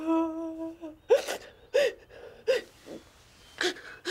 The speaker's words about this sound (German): Nicht weinen, Kleines.